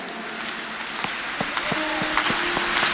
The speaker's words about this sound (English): The clap offering is not good. Clap your hands and say, in the name of Jesus.